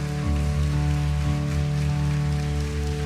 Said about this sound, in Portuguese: Vamos aplaudir o Espírito Santo de Deus. Mais forte, minha gente.